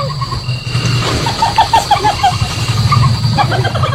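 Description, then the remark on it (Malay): A civet's laugh-like mating call, made to attract other civets during mating season, the laugh-like sound made possible partly by the hyoid bone in its neck: a rapid run of short, high, chattering notes in bursts, over a steady low rumble, with no voices. “Itu tadi adalah suara musang.”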